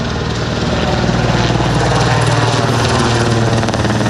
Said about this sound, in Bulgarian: По въздуха гасят 2 хеликоптера Кугър.